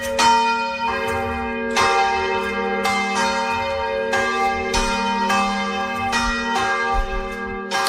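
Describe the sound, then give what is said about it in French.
A church bell rings out loud, its strikes falling roughly once a second and overlapping into a rich, sustained metallic drone with long ringing overtones, ringing through the night over a town. No voices. “ce son de cloche, ça rien d'étonnant, mais l'entendre comme ça toute la nuit est un peu fatigant.”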